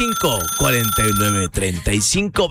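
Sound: incoming phone call ringing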